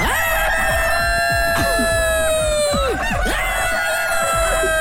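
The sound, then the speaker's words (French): A rooster crows loudly, one long drawn-out call that trails off, while hens cluck and peck in the background the whole time. “Si le coq pouvait parler, qu'est-ce qu'il dirait?”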